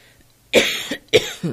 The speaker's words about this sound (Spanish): Me vas a escuchar toser, así que ya te pedí permiso. Por favor, aguántame.